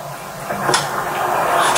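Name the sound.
door being opened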